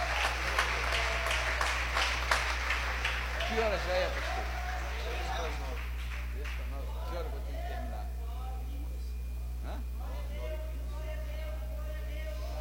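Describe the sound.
A church audience breaks into loud, dense applause for the Lord Jesus Christ during a sermon, gradually thinning and fading, while voices call out and speak over the clapping throughout.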